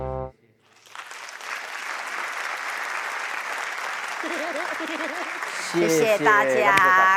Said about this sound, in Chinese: 感谢大家掌声，谢谢。